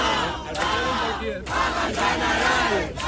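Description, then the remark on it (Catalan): A large protest crowd in the street chants together, calling for a general strike, in loud, rhythmic unison, voices rising and falling in repeated shouted phrases with brief dips between them, a dense roar of many people. “Mentre Pedro Sánchez rumia els següents passos que farà, al carrer crides a la vaga general.”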